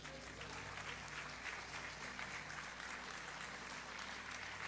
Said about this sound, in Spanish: Puede sentarse y dar un aplauso a Jesús.